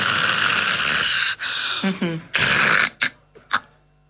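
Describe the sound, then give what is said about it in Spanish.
A person imitates the snoring of someone with sleep apnea: a long rasping snore, a brief stalled gap with throaty voiced sounds as breathing stops, then another harsh snore followed by a few short snorting breaths as breathing resumes. “Una persona que ronca y hace una apnea y vuelve a respirar, ¿no?”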